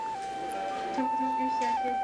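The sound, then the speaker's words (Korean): A distant ambulance siren wails in a steady two-tone pattern, stepping between a higher and lower pitch, heard faintly inside a hospital over a low murmur of indistinct chatting voices. “아이의 울음소리, 기침소리, 두런두런 수다를 떠는 소리, 방송으로 누군가를 찾는 소리, 그리고 저 멀리서 울리는 구급차 소리.”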